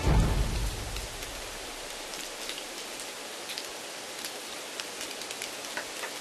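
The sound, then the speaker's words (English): Steady rainy-season rain falls in the Maya region with a constant hiss, scattered drops tapping sharply on a surface; a low rumble at the very start fades within the first second. No voices. “The rain from the rainy season needs to be saved because there is no other water in the dry season.”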